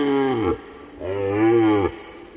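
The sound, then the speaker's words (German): Two deep, drawn-out moos from a large bovine, one short and falling, then a longer, rising call after a brief pause, loud with no other sounds. “Auerochsen und Wisente, die europäischen Bisons, grasen hier. Mit ihnen teilen sich verwilderte Rinder, Ziegen und Schafe das Nahrungsangebot, genauso wie mit Rehen und Elchen.”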